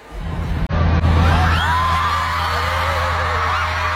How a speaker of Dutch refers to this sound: Als je dit zou horen, normaal gesproken in een stadion, dan zou je geen idee hebben waarom iedereen aan het juichen is. Inderdaad. Op dat moment dan weet je inderdaad nog niet wat er gebeurt, maar je weet wel dat er iets aankomt.